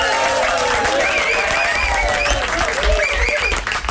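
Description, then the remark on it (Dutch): A small studio audience claps steadily and densely throughout, with scattered whoops and cheering voices rising above the applause, loud from start to finish. “Groot studioapplaus.”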